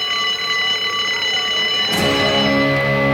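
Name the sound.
school bell ringing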